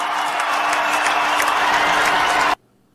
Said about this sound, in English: And just listen to the ovation that LeBron James gets when his name is announced as a part of the Los Angeles Lakers starting lineup.